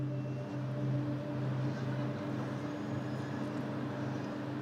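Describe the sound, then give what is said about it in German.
A large cargo ferry, almost 240 metres long, being loaded through the night at Vuosaari harbour in Helsinki, Finland, its engines giving off a steady, droning low hum with a continuous mechanical rumble and faint background activity, no voices. “Die ganze Nacht lang wird diese Frachtfähre beladen.”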